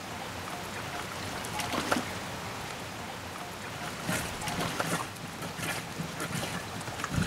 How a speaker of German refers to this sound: Das ist ja erst die Vorwäsche, weißt du? Wie bei einer richtigen Waschmaschine. Jetzt kann das Wasser da abfließen, weil ich habe ja Löcher gemacht.